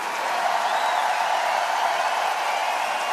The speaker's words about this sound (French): Bravo. Et un triple tonnerre d'applaudissements pour mademoiselle.